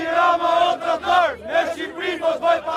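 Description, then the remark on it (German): Protesters in Albania chant slogans against Prime Minister Edi Rama and his government in unison, a crowd of voices shouting in a rhythmic, repeated cadence with strong pulses about every half second, loud and continuous throughout. “Edi Rama, du Verräter, Albanien ist keine Handelsware, skandieren die Demonstranten.”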